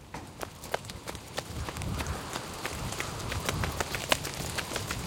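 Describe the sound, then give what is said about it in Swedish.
Quick, evenly spaced footfalls of people running all the way back to the Yellow Castle (Gula slottet) in pouring rain, a steady rhythmic patter of sharp impacts over a continuous low rumble and hiss, moderately loud throughout. “Sen springer de hela vägen tillbaka till Gula slottet.”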